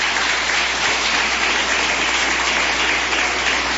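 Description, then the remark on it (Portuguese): Sustained applause from a church audience, clapping to glorify God and welcome a visitor, a dense, steady wash of clapping hands that stays loud and even throughout, with no voices rising above it. “Palmas que glorifica a Deus.”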